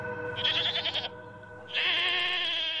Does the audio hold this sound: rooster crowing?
no